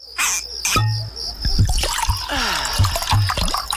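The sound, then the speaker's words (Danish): Water trickles and burbles steadily, an underground stream in the Mønsted Kalkgruber limestone mines running with scattered drips and splashes popping out over a continuous liquid babble, no voices present. “Gå på opdagelse i 4 km underjordiske gang med grotter så store som domkirker og rislende vandløb og underjordiske søer.”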